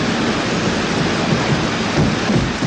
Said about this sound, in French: je vous fais écouter la bande-son de ce film mythique, cette cascade sur le métro, Peur sur la ville. Vous l'entendez, le métro.